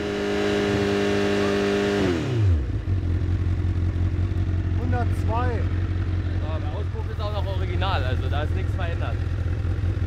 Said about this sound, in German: Ganz normal und dann pegeln Sie mal 6000 Umdrehungen ein. 6000, 6000, ja. Geräuschpegelmessung.